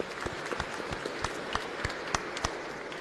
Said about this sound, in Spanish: Aplausos también para ellos.